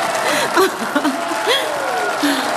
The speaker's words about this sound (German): Genieß den Erfolg, Anne. Es ist dein Applaus.